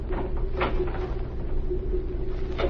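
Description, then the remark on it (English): The door of a hotel suite is opened with a couple of short wooden clunks and latch sounds over a steady low rumble. No one speaks. “The next day, a man whom the border guards would have recognized as Ona Laho's chauffeur knocked on the door of her hotel suite.”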